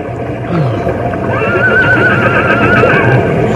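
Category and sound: animal, horse whinnying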